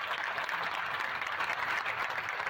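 Sustained audience applause, a dense, steady wash of many hands clapping at an even loudness throughout, with no voices standing out above it, at the opening of a new emergency unit at Hospital Doctor José Francisco Peña Gómez in Mao.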